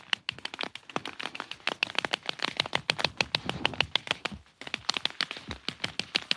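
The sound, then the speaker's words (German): Rapid, irregular tapping like a woodpecker pecking, a dense stream of sharp dry knocks that runs almost without pause, breaking off once briefly before resuming. No voices. “Und irgendwo spechtet es um mich herum, wie verrückt.”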